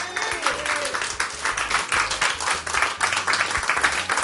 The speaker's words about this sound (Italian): Dai, su, facciamo un altro applauso.